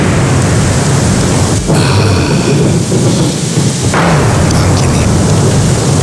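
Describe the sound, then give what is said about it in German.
Steady, dense autumn rain hisses throughout while low thunder rumbles and rolls underneath, swelling briefly in the middle; a voice speaks a single short word over it. “Herbstregen und Donner.”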